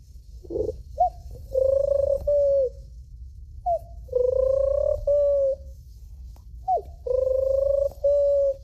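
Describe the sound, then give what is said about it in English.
A 12-year-old imitates a pigeon cooing, three soft, throaty phrases at an even pace, each opening with a short rising note and then two drawn-out hooting coos, over a faint low hum. “And a pigeon.”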